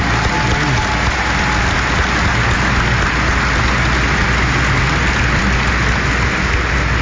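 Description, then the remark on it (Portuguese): A large crowd at a church gathering applauds to welcome guests, including a bishop, in a dense, steady wash of clapping that stays loud and even throughout, with no voices rising above it. “Nos acolhemos com uma grande salva de palmas.”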